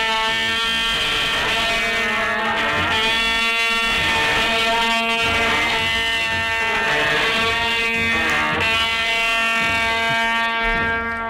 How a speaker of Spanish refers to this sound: El añafil es un instrumento musical que nació en época andalusí. Es una trompeta recta y alargada de metal que se usa para anunciar el movimiento del paso durante los desfiles procesionales. Pero, ¿cómo suena un añafil?